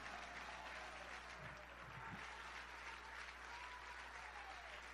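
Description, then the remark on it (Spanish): An audience at a church service applauds steadily for about five seconds in praise of the Lord, a dense, continuous wash of clapping from many hands without pause, with no clear speech over it. “¿Cuánto alaban al Señor? Dele fuerte ese aplauso.”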